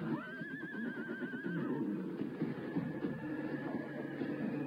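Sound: horse neighing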